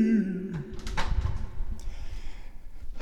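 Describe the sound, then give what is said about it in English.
A door creaks briefly and then shuts with a muffled thump as someone enters Synth Zone 4 and closes it behind them, followed by a faint second knock and a low, steady background hum. “As we enter Synth Zone 4 and close the door behind us.”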